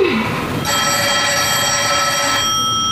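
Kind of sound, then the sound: signal or alarm, telephone ringing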